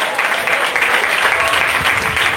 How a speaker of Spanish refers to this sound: Denle un fuerte aplauso al Señor en esta tarde.